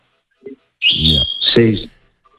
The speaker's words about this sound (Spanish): Y te dejó también lo de la alpargata y te dejó ahí unos pajaritos que estoy oyendo de fondo.